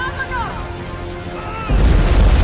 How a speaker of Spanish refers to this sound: Una avalancha se precipita hacia la prisión.